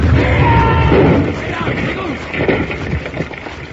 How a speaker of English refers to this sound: Jingles stepped on a loose board at the mouth of Batwing Cave and set off a rifle, which fired into a keg of blasting powder, and the explosion rocked the mountainside.